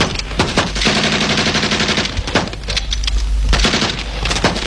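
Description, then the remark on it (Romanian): Sustained bursts of rapid gunfire after an order to open fire crackle for several seconds, dense overlapping shots with heavy low thuds beneath, briefly thinning before surging again; no voices are heard. “Mai bine i-a spune lui Jackie să decină foc.”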